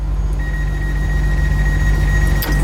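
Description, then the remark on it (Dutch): A steady, high-pitched electronic warning tone sounds continuously over the deep rumble of a train, ending in a short thump as the doors shut. “En Natalia, die laat weten dat ze zich al een tijdje afvraagt waarom de deuren van de trein zo konjo hard dichtgaan met dit geluid.”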